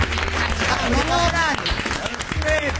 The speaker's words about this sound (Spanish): Muy bienvenidos y un aplauso muy grande